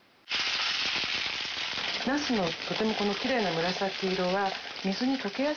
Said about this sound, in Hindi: इसके बाद एक पैन में 2 बड़े चम्मच तेल डालिए और पूरी सतह पर फैला लीजिए। फिर बैंगनों को कागज से सुखाकर छिलका नीचे की तरफ करके पैन में रखिए और मध्यम आंच पर हल्के से तल लीजिए।